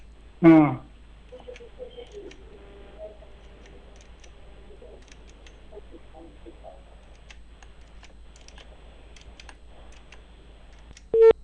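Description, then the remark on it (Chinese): A sharp click opens the line, then a faint, thin telephone ringback tone drones quietly over a phone connection as Inner Mongolia Radio and Television calls a property developer, Wantai Real Estate, and a short, louder tone blip closes it. “我们再试着联系一下开发商啊，您等一等。”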